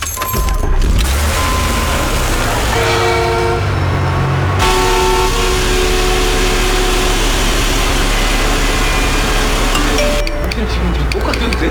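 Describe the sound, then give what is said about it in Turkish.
Dense road traffic rumbles loudly and continuously, with several car horns honking in short and sustained blasts over the steady engine noise of many vehicles. “Petrole sahip olmayan bir ülke olarak neden böyle bu kadar çok araba var anlamıyorum.”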